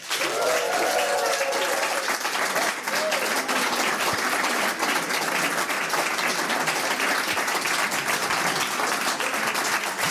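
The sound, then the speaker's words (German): Loud, sustained roaring applause from a large crowd welcoming a guest fills the whole stretch, dense and steady, with a few faint voices or cheers briefly rising over it near the start. “Bitte begrüßen Sie mit einem frenetischen, tosenden Applaus.”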